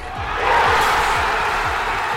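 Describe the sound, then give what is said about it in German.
A dense street crowd of hundreds of thousands of fans roars and cheers at the final whistle around the Obelisk in central Buenos Aires, Argentina, in a broad, sustained wash of noise, with rhythmic low thumps pulsing underneath, like drums beating steadily amid the celebration. “So klingt der Schlusspfiff im Zentrum von Buenos Aires.”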